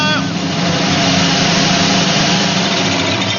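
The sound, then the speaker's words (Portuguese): A sewing machine, used by a grandmother mending a torn baby's T-shirt, runs steadily for the whole stretch, a loud continuous motorized whir with a buzzing mechanical drone and no pauses. “É a máquina de costura.”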